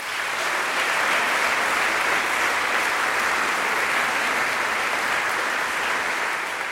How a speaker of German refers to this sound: Einen großen Applaus für Tara Luise Wittwer und Dr. Katharina Wesselmann.